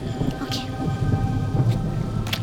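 Steady rain hisses throughout, with a deep, continuous rumble of thunder rolling underneath and a few brief sharper splashes or crackles breaking through the wash of noise.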